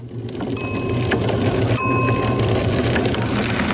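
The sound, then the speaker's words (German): A soft, steady whirring of a red rickshaw from the Radeln ohne Alter project in Braunschweig, Germany, runs throughout, while its bright bicycle-style bell rings twice, about a second apart, its shimmering tone lingering briefly each time. “Ein leises Surren, dazu ein Klingeln. Dann ist oft eine der roten Rikschas von Radeln ohne Alter unterwegs.”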